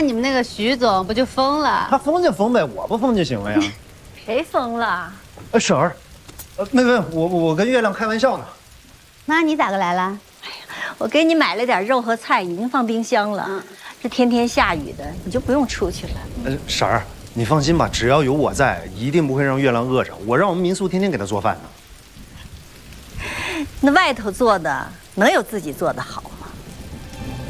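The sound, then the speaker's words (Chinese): Steady rain, falling every day lately, hisses in the background while people talk continuously over it, the patter a constant wash beneath their voices. “这天天下雨的，你就不用出去了。”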